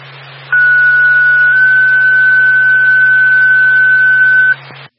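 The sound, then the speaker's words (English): A loud, sustained two-tone radio dispatch page calling an ambulance: one steady electronic tone that steps up slightly in pitch and holds for several seconds over hissy radio static and a low hum, then cuts off. “ignore back roll to ambulance, stand by for tone.”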